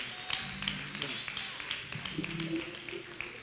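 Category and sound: crowd, hand clapping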